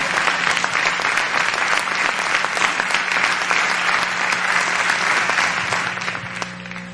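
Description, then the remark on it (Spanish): An audience claps hands loudly and steadily for the Lord for several seconds, a dense wash of many hands, fading slightly at the end with a faint low hum underneath. “Dale fuerte esas palmas entonces al Señor.”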